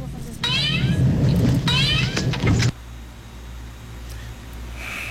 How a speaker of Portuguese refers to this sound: Ai, gente, gato.